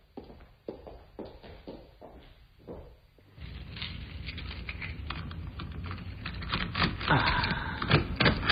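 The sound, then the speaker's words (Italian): Keys clack on a computer keyboard in quick, uneven bursts, at first fairly clear, then continuing under a louder wash of background noise and busier clatter. “Lo sai usare davvero questo computer?”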